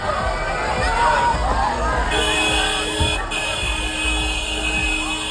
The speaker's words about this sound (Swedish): så här lät det när bussen med Cristiano Ronaldo ombord rullade och tutade sig in mot Eleda stadion i Malmö